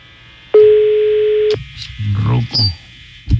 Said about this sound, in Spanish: La uno al aire. Vamos a marcar a este ruco.